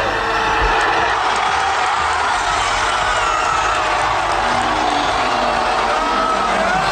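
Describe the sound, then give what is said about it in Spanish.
A large crowd cheers and roars in Plaza Alfonso II el Casto in Oviedo, Spain, as the referee signals the end of the match that wins Spain its second World Cup star, watched on a screen; a dense, steady wall of overlapping shouts and whoops that stays loud and unbroken throughout. “Así sonó ese instante en el corazón de Oviedo cuando el árbitro señaló el final y la plaza Alfonso II el Casto estalló de felicidad.”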